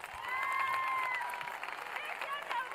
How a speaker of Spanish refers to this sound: ¡Fuertes los aplausos, por favor!